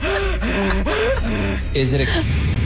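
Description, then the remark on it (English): A steady, breathy hiss of an oxygen can being sprayed runs continuously for a few seconds, partly masked by voices talking over it. “is it a can of oxygen? Yes, it is.”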